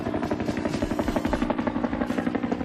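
A Vietnam War-era helicopter's rotor thumps in a fast, steady rhythm, its heavy chopping beat loud over a dense engine drone, with no voices present.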